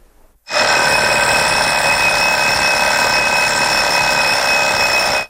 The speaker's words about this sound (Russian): Я знаю, по ком звонит будильник.